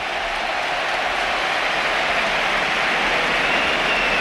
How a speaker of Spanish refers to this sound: y va a debutar uno de los jugadores que están llamados a marcar una época en el Betis, José Antonio Morante, 19 años, debuta en el costado izquierdo del Betis. Esta es la ovación.